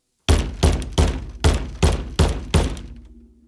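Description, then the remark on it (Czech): Seven loud, hollow thunks of a plastic tub, used as a footrest at the piano, striking a head as a mother hits her son during piano practice, evenly spaced in a steady rhythm, with a low hum lingering briefly after the last blow. No voices. “Jednou jsem dokonce od ní dostal po hlavě umělohmotným škopkem, kterým jsem měl podloženy nohy. Znělo to zhruba takto.”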